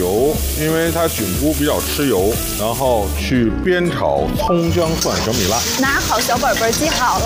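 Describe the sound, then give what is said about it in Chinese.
Scallion, ginger, garlic and small bird's-eye chilies sizzle steadily as they stir-fry over medium heat in a generous amount of oil, the first step of making a mushroom sauce, a continuous hiss running underneath people talking throughout. “锅里稍微放多一点的油，因为它菌菇比较吃油，然后去煸炒葱姜蒜小米辣。”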